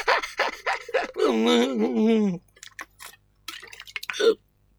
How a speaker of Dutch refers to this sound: Amai, dan moet ik dus eens een beetje drinken.